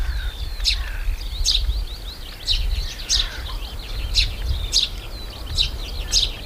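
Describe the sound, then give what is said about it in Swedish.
Small birds, with tree sparrows dominant, chirp and sing in a lively, repeated pattern of bright high-pitched calls in a lighthouse garden on a sunny day, with doves, larks overhead and shorebirds around, and a steady low rumble of light wind underneath and no voices. “Men väldigt nice och står ute vid fyren, solen skiner, det blåser bara lite grann och man hör både småfåglarna i fyrträdgården, okej, duvor också, lärkar uppe i skyn och så strandfåglarna liksom runt omkring.”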